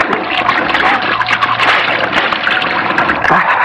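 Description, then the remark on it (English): Water is splashed on a face at a sink, a steady run of wet slaps and spatters lasting a few seconds, loud and busy throughout with no clear pauses. “I'm going to splash some water on my face.”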